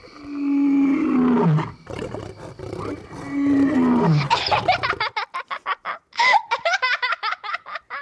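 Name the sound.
big cat roaring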